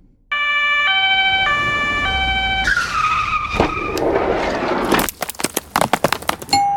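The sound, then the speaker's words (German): A fire engine's two-tone siren alternates loudly between high and low pitches for a few seconds, then gives way to screeching tyres, a heavy thud and a burst of rattling clatter. “Hallo, machen Sie bitte auf. Hier ist die Feuerwehr.”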